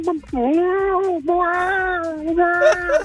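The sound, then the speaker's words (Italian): A person imitates a cat meowing: three drawn-out, whiny meows in a row, loud, with rising and falling pitch like an insistent cat. “Un gatto.”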